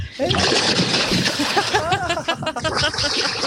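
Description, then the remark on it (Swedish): A body plunges into 13-degree lake water at Tenniskröket in Härjedalen with a loud splash, followed by churning, sloshing water and excited shouts from a person in the water. “Nu plaskar jag”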